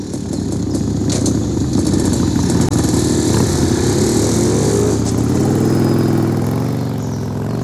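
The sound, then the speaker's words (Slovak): Motorcycle engines roar loudly and continuously, their pitch rising and dipping as the riders rev and ride away, staying strong throughout with no voices. “To tí motorkári? No ano. Počkajte vy, chuligáni.”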